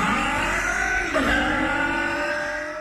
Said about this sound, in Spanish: Para que tu auto suene así, limpia inyectores de Bardal. Con inyectores limpios, el auto anda mejor y ahorras combustible.